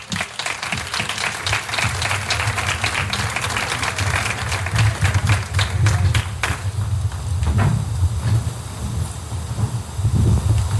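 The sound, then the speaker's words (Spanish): A crowd applauds steadily for the mayor and the culture delegate at an evening event in the Patio de San Pedro, Arcos de la Frontera. A dense crackle of many hands claps at an even level for about ten seconds, with a low rumble underneath and no voices. “Un aplauso para ellos.”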